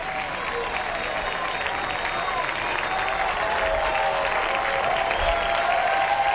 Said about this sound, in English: And this big championship series crowd urging Sparks on to get this third and final out.